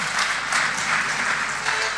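Sustained audience applause, a dense wash of many hands clapping at once, steady and fairly loud throughout with no pause.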